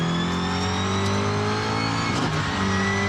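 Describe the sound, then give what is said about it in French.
A car engine drones loudly and steadily on the Christophe Bézon race circuit, its harmonic hum briefly dipping and rising in pitch near the end as the revs shift. The car has no ABS; it drifts in third gear, locks its tyres and runs off into the dirt. No one speaks. “Hop, y'a pas d'ABS, on bloque un peu les pneus, hop, ça sort dans la terre.”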